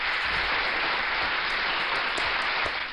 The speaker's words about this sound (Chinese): 看来今天的这个校园安全的知识还有心理健康的问答，你们都闯关成功啊，给你们再一次大大的掌声。